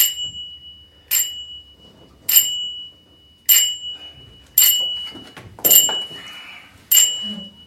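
A theatre signal bell rings out in seven evenly spaced, bright metallic strikes about a second apart, each with a sharp onset and a short ringing decay, over faint background murmur, announcing that the rehearsal is resuming.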